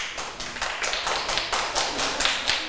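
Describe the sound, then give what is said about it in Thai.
A group of students in a classroom clapping their hands for themselves and their classmates in a steady, rapid burst of overlapping claps, bright and sharp, continuing throughout with no voices. “ปรบมือให้ตัวเองและปรบมือให้เพื่อนด้วยค่ะ”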